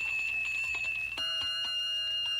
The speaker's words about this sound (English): I did everything you told me you were doing at a big fire. I blew my siren. Then I rang my bell.